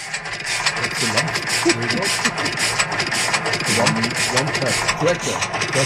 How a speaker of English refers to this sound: Oh, it's a tractor sound. Yeah, it's a tractor sound from 1938, just with one cylinder, you know. Yeah. Okay, so it's a 1938 tractor. It wasn't recorded in 1938. No.